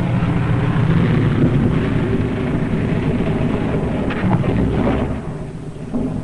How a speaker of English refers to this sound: 3 hours later, at the base, the crippled plane comes into sight. Men peer closely, tense, hushed, as they see the starboard prop dead. One engine landing is tricky at best. With skis on ice, hold your fingers crossed for the pilot.